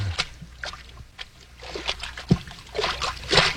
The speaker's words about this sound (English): Hey, we're in water over our ankles.